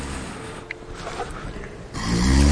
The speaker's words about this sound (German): Warum kann der nicht aufhören zu schnarchen, der blöde Sack?